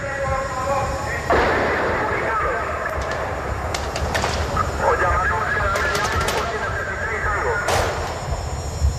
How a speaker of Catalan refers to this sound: La lectura acaba de manera sobtada perquè, ja ho heu sentit, se senten trets. El Rubio no s'ho va pensar dues vegades i des d'una de les finestres del banc va disparar contra el tanc.